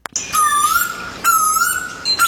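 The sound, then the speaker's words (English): A played recording of three loud eastern koel calls, officially Australia's most hated bird, each a clear, rising whistled note repeated in quick succession, with faint high background hiss and no talking. “That is, hang on, the eastern call.”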